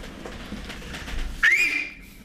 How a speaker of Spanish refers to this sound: No, no, si querés te chiflo fuerte. ¿Le doy? Dale, dale.